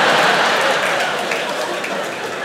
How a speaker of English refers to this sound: I don't know if anyone here has ever tried Xanax, but it's fantastic. Very muted claps for Xanax. You don't really get woos, it's more like, yeah.